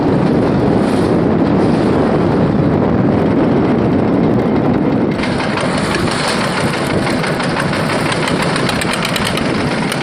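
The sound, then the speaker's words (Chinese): Strong wind buffets the microphone at sea on a fishing boat, a loud continuous roar over the boat engine's steady drone and rushing water in rough waves, with no voices throughout. “今天风大浪急”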